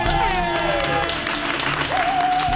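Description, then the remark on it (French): A large crowd claps steadily and loudly throughout for a performer introduced as Monsieur Absurde, a dense wash of applause with whoops and cheering voices rising over it. “Et puis j'aimerais maintenant que vous fassiez un immense tonnerre d'applaudissements pour Monsieur Absurde”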